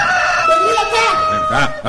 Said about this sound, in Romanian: Da. Cocoșul ia de glas și se zbate.